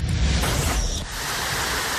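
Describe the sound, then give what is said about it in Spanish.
Intense rain pours down in parts of Ciudad Delicias, recorded during a Saturday live broadcast, in a dense, steady hiss that fills the whole clip, with a deeper rumbling wash underneath during the first second. No voices are heard. “pero primero le voy a presentar estos audios de la transmisión en vivo del sábado para que se dé una idea de cómo se estuvo registrando esta intensa lluvia en ciertos sectores de Ciudad Delicias.”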